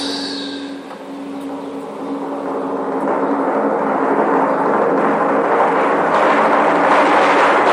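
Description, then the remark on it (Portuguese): A drum roll sound effect rumbles continuously for several seconds, starting softer and swelling into a dense, steady, thunder-like roar. No one speaks over it. “Esse é o momento que rufem os tambores.”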